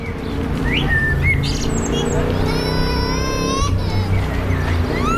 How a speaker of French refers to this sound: Écoutez-moi ces oiseaux.